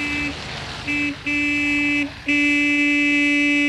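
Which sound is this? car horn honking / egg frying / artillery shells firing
car horn honking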